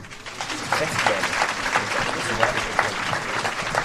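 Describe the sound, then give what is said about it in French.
A steady burst of audience applause at the end of a screening of Xavier Dolan's film Juste la fin du monde in Cannes, dense clapping from many hands filling the whole stretch at an even, moderately loud level, with faint crowd murmur mixed in. “Applaudissements à la fin du film et questions pour le réalisateur par les élèves de seconde et de terminale.”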